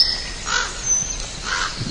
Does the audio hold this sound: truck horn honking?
no